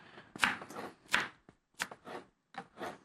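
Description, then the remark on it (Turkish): A knife chops food on a cutting board, with four or five crisp, irregular strikes separated by brief pauses and no talking. “Şöyle onu da doğradım.”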